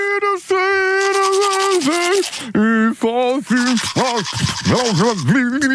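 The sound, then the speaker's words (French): Toothbrush scrubbing with rapid rhythmic strokes, heard under a voice humming or trying to sing through a full mouth, the tones wavering up and down throughout, as part of the toothbrush game on the radio show Viva Weekend. “On va réécouter le jeu de la brosse à dents.”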